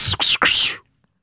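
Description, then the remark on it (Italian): A sound-effects artist imitates an arrow flying past with the mouth: a quick breathy whoosh in three hissing pulses lasting under a second, fairly loud, then silence. “La freccia.”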